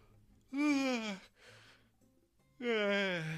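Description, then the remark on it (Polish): A person yawns twice, each a drawn-out voiced exhale that slides downward in pitch, with a breathy intake between them. “Widzicie, już nawet ziewam, nie?”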